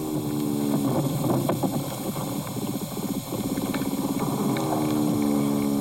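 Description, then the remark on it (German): Vibration sounds of a larger soil animal, not an earthworm: a steady, rough buzzing drone with dense scratchy crackles running throughout, fairly loud and continuous, with no talking over it. “Das ist jetzt eher ein größeres Bodentier, würde ich sagen.”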